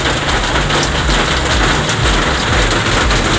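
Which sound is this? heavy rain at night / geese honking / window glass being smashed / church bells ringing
heavy rain at night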